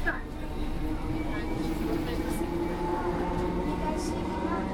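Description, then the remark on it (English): A steady, loud rumble of a London Underground Victoria Line train in motion, with droning hum and metallic whine throughout, and faint voices murmuring beneath the noise. “How was Victoria Line?”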